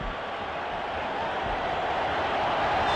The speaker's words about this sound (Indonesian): Penonton langsung bersorak ya.